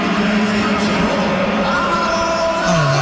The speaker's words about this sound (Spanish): Vinicius Junior. Se sorprende. Escucha la silbatina y voltea hacia atrás para ver el estadio, para ver si realmente lo están silbando.